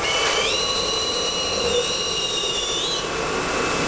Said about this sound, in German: In diesem Fall gibt's zwei Düsen, eine Außen- und eine Innendüse. Jeder gespülte Becher wird zuerst von der Außendüse getrocknet, anschließend schlürft die Innendüse das Becherinnere trocken. Das hört sich dann so an.